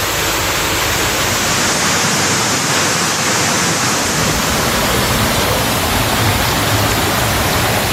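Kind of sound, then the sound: nature, rushing floodwater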